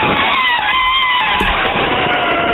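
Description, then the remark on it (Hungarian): A person imitates an elephant trumpeting with one loud, sustained, brassy blare that wavers slightly in pitch, holding strongly for the whole couple of seconds. “Van egy másik állatnak a hangja is, amit tök jól tudok utánozni, az az elefánt.”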